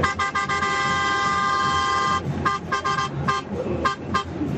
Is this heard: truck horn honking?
yes